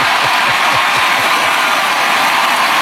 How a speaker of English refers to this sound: Dude, and that crowd roared. And then a USA, USA chant broke out.